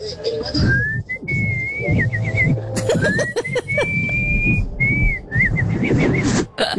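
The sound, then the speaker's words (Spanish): A person whistles bird-like phrases, rising glides and short warbling trills repeated in bursts, imitating a little bird's trill over a busy low background rumble. “Pero hacer como pajarito es un talento.”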